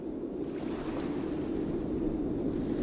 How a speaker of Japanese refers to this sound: 大きな波が引く、そのほんの数秒、素早く岩へ近づきます。